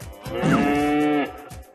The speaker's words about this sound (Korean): 우리가 찾던 울음소리의 주인공을 찾았어. 울음소리의 주인공은 젖소였구나. 젖소.